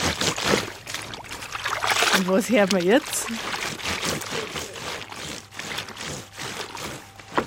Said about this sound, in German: Erkennst du das noch? Das Waschbrettl. Ja! Okay. Hat deine Oma noch ein Waschbrettl gehabt?